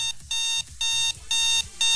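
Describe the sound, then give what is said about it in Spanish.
An alarm clock rings in loud, shrill electronic bursts, about four repeated pulses with short gaps between them, piercing with no voices. “Oye, hoy no le has puesto la alarma para los que están despiertos.”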